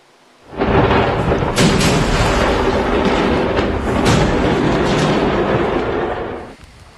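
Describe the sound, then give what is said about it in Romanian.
A massive explosion at a fireworks factory in Malta erupts into a loud, sustained roaring rumble lasting about six seconds, with sharp crackling bursts inside it before it cuts off abruptly. No voices are heard. “O fabrică de artificii din Malta a sărit în aer, două persoane au fost rănite ușor și transportate la spital.”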